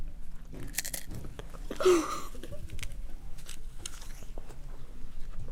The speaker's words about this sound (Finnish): koska tosi outoa, jos te mussutatte keksejä ja omenoita tähän mikrofoniin, kuuluu vaan mussu, mussu, mussu. Kuuluu vaan.